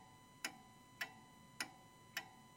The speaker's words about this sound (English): sometimes I actually really enjoy turning off the radio and just listening to that ticking clock, and in a sense, I suppose, taking in the silence.